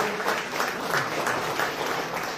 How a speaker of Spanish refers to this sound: Más fuerte el aplauso todavía.